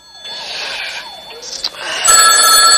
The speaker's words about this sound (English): The phone rouses Joan on the sofa.